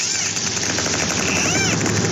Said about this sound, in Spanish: Bueno, esto es ruido biológico que hemos grabado, es una serie de delfines. Los delfines suelen acercarse mucho al submarino cuando navegamos a cota profunda o también cuando estamos en cota periscópica